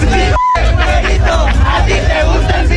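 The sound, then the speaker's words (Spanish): A large crowd of football fans chants and yells together at a fair-haired fan in a loud, continuous roar, voices rising in rhythmic surges, with a brief sharp tonal break near the start. “Pero bueno, a este pobre güerito le cayó con todo esta porra y parece que lo disfrutó.”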